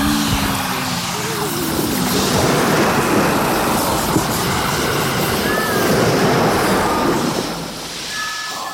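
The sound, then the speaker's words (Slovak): A loud, continuous roar of churning water and crashing waves sweeps over a sinking ship that is listing as water floods below deck, with brief high whistling tones rising above the rumble near the end. “Podpalubie zaplavila v priebehu niekoľkých minút voda. Za obrovského rachotu sa loď naklonila a potom sa s praskotom zrútil hlavný stožiar.”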